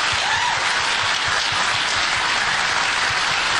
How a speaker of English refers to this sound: They clap.